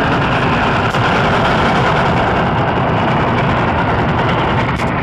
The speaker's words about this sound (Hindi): ये दोनों लोग खेतों में से भागते हुए जा रहे हैं पहली बार गांव के नजदीक से गुजरती छुप छुप रेलगाड़ी को देखने के लिए।